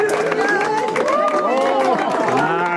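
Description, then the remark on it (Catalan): A large outdoor crowd of about 300 people at the summit of Monte Toro, Menorca, claps and cheers excitedly at the moment of total solar eclipse under a completely clear sky, with many overlapping shouts and whoops over steady applause, loud throughout. “Són els aplaudiments i els crits d'emoció de la gent al cim de Monte Toro en el moment de totalitat.”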